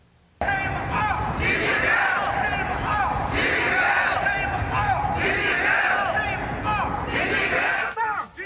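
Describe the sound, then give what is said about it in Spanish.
A crowd of protesters gathered in front of the White House in Washington shouts and chants against Xi Jinping during a US-China presidential summit, in loud, rising bursts, voices overlapping in a continuous roar of yelling that swells roughly every couple of seconds. “Manifestantes se concentraron frente a la Casa Blanca con gritos, pancartas y carteles contra Xi Jinping.”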